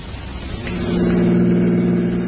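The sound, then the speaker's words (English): A car engine hums steadily, its drone swelling in loudness partway through and then holding at a constant pitch as the car drives and pulls up at the Taylor Avenue car station, with no voices. “We'll leave the car here so Dowling won't see it.”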